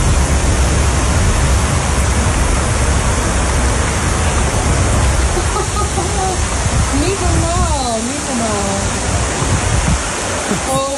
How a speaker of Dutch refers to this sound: Er trekken zware onweersbuien over ons land. Het zal je vast niet ontgaan zijn. Ik kreeg net een video toegestuurd van mijn zusje. Die woont in Emmeloord in Flevoland. En daar klonk het net zo.